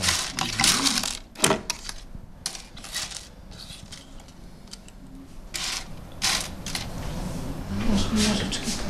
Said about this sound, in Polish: Nożyczki, tak, ale takie do włosów, czy takie?